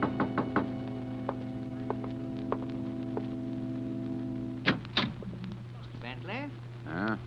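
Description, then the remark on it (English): Sharp knocks on a door: a quick cluster of raps, then several slower, spaced knocks, all over a steady low electrical hum, with a voice starting to speak near the end. “Two nights later, I was alone, and there was a knock on the door.”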